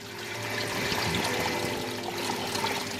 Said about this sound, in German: das Wasser kluckert und rauscht. Es ist auch ein paar Grad wärmer hier. Wir sind jetzt hier in einem richtigen tropischen Bereich. Das ist ein richtiges Tropenhaus.